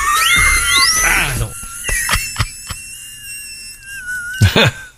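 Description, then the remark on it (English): A high whistle swoops upward in quick glides, then holds a steady, shrill tone while sharp clicks and brief noisy bursts cut in around it. “But could we hear the whistle one more time?”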